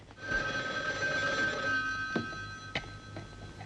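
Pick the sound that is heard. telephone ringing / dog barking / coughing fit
telephone ringing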